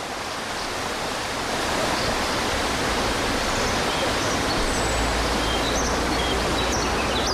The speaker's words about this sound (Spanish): El río Mecillo baja con buen caudal a su paso por Villanañe. En este concejo del municipio de Valdegovía-Gaubea, a estas horas hay 19 grados de temperatura.